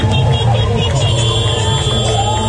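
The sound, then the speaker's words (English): Steady, loud rumble of motorcycles and armed trucks as government-allied fighters parade through the streets of Mekele in the Tigray region, mixed with a dense murmur of cheering civilians and voices. “Civilians cheered as government allied fighters paraded through the streets on motorcycles and armed trucks.”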